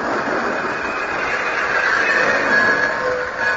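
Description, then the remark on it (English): A train rumbles steadily with a continuous roar, and faint high metallic squeals from the wheels suggest it is slowing as it pulls into a station. No one speaks. “But finally, we pulled into the station.”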